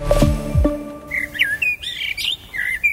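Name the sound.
birds chirping and singing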